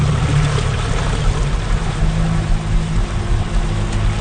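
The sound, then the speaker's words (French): A boat engine drones steadily over rushing water, a loud, continuous low rumble with splashing hiss, without any talking. “qui est juste accessible évidemment par bateau.”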